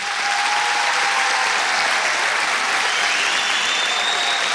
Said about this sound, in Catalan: Dues paraules abans d'acabar, si us plau, un aplaudiment ben fort per tota la feina que han fet.